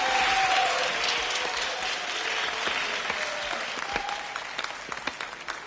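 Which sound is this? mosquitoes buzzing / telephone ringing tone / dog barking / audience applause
audience applause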